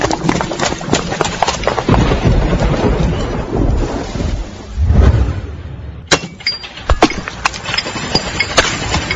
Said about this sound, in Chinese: 哎呦，是怕啥就来啥，说下雨就下雨啊。